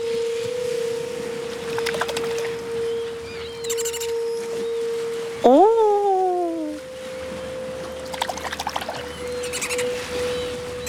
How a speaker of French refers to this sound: tu entends le chant des sirènes?